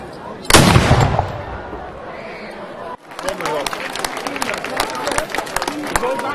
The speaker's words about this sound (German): Doch zuvor schoss das Mansfelder Pionierbataillon Salut.